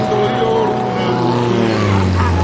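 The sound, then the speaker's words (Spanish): A light aircraft's engine drones loud, a steady buzzing hum whose pitch sags slightly near the end as it passes overhead. “¿has visto una avioneta a estas horas?”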